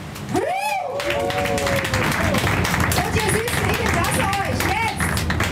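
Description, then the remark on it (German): A crowd aboard the Comedy-Boot on a harbour tour in Hamburg claps steadily for several seconds, a dense sustained patter of applause for the 100th anniversary of Barkassen-Meier, with some whoops and cheering voices rising over it. “Und ich würde sagen, Barkassenmeier, Abig, der 100-jähriges Jubiläum, ja, machen wir nochmal einen großen Applaus.”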